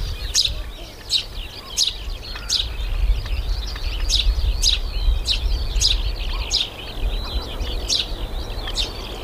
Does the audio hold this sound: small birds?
yes